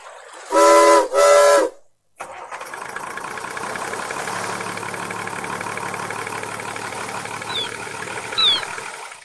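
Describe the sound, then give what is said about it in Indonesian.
Two loud blasts of a ship's steam whistle as the ship is started, then a brief pause before the engine starts up and settles into a steady, rumbling drone with some faint high-pitched chirps. “hidupkan kapal, Profesor.”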